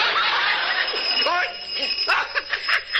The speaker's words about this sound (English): Somebody got their finger on the doorbell.